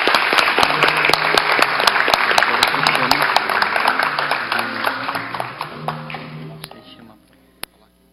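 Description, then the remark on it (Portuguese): A crowd applauding steadily at a solemn public tribute ceremony, a dense wash of clapping that holds for several seconds before tapering off and fading out near the end. “Uma salva de palmas.”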